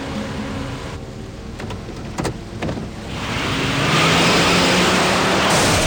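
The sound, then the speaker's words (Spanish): A car engine hums under steady noise at night at a traffic light on a busy city street; the car reverses, and a few short knocks and thuds land midway as it hits the nose of a black unmarked police car. The engine then surges into a loud, sustained roar. No one speaks. “De pronto, Graydon da marcha atrás hasta impactar con el morro del coche negro.”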